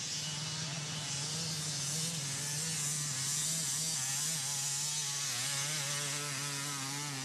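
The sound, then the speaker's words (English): A two-stroke motorcycle engine buzzes loudly and steadily at a high, raspy pitch, its revs wavering slightly up and down over several seconds with no voices. “Nothing beats the sound of a two-stroke motorcycle.”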